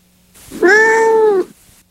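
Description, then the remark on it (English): A single drawn-out cat meow, loud, holding a steady tone for under a second before cutting off, with near silence around it and no talking. “Yes, it is a cat.”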